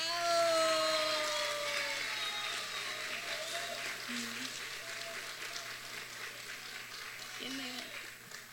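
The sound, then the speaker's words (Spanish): An audience applauds the third-place winner with a dense, steady crackle of clapping that holds for several seconds and tapers slightly toward the end, with faint voices murmuring underneath. “Un aplauso, por favor.”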